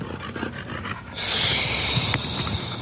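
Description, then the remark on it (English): A dog pants in quick, rhythmic huffs, then gives a rougher, sustained snorting breath that fills the rest of the moment, with no one talking. “but I guess I can't even train my own dogs.”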